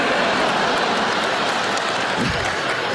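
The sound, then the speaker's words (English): A studio audience cheers and applauds in a loud, steady wash of clapping and whooping that holds at full level for about three seconds. “Yeah, you cheer, but I don't think you realize how that makes me feel.”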